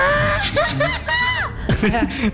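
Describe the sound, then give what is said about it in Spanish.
A voice lets out a shaky, high-pitched attempt at a mariachi grito, wavering yelps and warbling whoops sliding up and down, loud, with a voice breaking in between. “O sea, mi grito de mariachi es un intento como de una gallina corriendo por su vida.”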